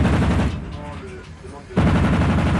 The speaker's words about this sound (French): Et là, nous sommes en entraînement pour le tir. Donc on va tirer avec le canon de 100 mm, le canon de 20 mm et la mitrailleuse arrière sur des ballons qui simulent des aéronefs qui nous arrivent dessus à grande vitesse.